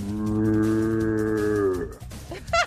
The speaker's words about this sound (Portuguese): Eu também sei tocar berrante, cê olha só.